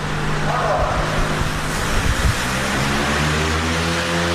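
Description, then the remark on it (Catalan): A large fan on a film set inside an industrial building in the Caldes industrial estate blows fake snow of cellulose, polymer, paper and soap to simulate a blizzard. It roars steadily with a dense, loud whoosh over a low droning motor hum that shifts in pitch about halfway through. “El so del ventilador és present tota l'estona.”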